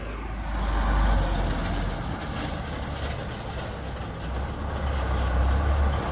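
A heavy truck loaded with construction materials, sand and cement, rumbles slowly past, its deep engine drone steady and loud throughout, with a faint low thump as it drops into a pothole in the road.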